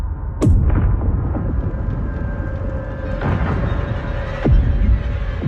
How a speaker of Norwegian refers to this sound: Og da Gyldenløve og San Franciscus hadde lagt seg med bredsiden mot sjørøverskipet, fyrte de av kanonene.